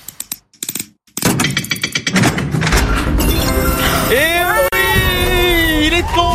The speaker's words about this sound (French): On écoute les verrous.